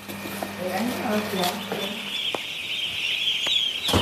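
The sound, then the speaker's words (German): Poultry in a barn with sawdust: a steady high-pitched chorus of peeping from fluffy yellow 11-day-old chicks runs throughout, with low gobbling or clucking from large turkeys in the first half and scattered clicks and knocks. “Während die großen Puten sich uns langsam genähert haben, rasen die flauschigen gelben Küken ohne jede Scheu direkt auf uns zu.”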